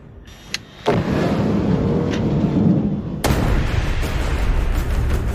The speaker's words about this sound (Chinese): 看着爆炸时巨大的火球，我都有点后怕了。